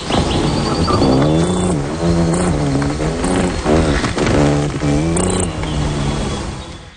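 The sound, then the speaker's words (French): Pierre Verville imitates a hummingbird's wing buzz during its courtship display with a steady, droning hum that wavers in pitch and pulses slightly over about seven seconds, loud and continuous with no talking. “Le bourdonnement des ailes durant la parade nuptiale.”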